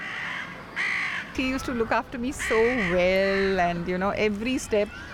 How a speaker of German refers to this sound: Man achte bei den folgenden Aufnahmen auf die Krähen im Hintergrund. Sie werden noch eine wichtige Rolle spielen.